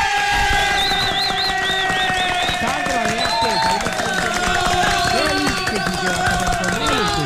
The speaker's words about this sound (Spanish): Vea, Ave María, eso me merece un aplauso, pues, Ave María, hombre.